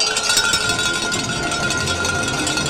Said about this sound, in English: They returned to the local arena to ring their bells again in celebration.